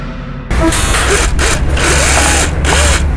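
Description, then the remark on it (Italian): A power drill, used to dismantle a business sign, starts abruptly after a brief low hum and whirs loudly and steadily for about three seconds, its high motor whine dipping briefly a few times as it works. “Sto smontando l'insegna, no?”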